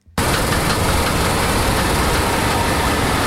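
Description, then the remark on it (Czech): A corn harvester, harvesting corn on a field near Košetice in the Pelhřimov area of Vysočina, Czech Republic, drives past; its engine roars loudly and steadily after a brief quiet start, a dense, rumbling mechanical drone with a hissing, clattering edge and no voices. “Který teď právě projel okolo mé sklízí kukuřici na jednom z polí nedaleko Košetic na Pelřimovsku.”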